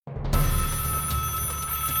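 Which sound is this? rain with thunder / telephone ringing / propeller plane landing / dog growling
telephone ringing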